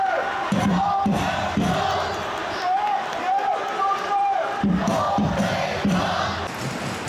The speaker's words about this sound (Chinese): 连嵩一湾最著名的北看台声浪从未停歇，他们的歌声掌声不止给主队，也送给了客队。